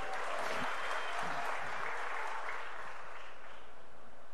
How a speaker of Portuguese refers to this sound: Olha o Léo Pereira sendo mais aplaudido até agora